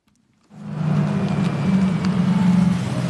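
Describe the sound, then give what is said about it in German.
After a moment of silence, a small blue electric minibus arrives almost silently, with a low, steady motor hum and soft road rumble that swells gradually as it draws near, with no voices. A driver still sits at the wheel; it carries cameras, sensors, lidar and radar. “Fast geräuschlos kommt der kleine, knuffige, blaue Elektrobus angefahren.”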